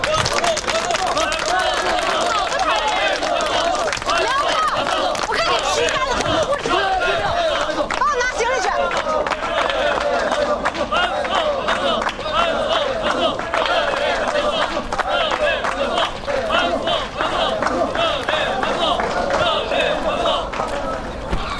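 An audience applauds steadily for about twenty seconds, a dense, even patter of many hands clapping, with a murmur of crowd chatter mixed underneath throughout.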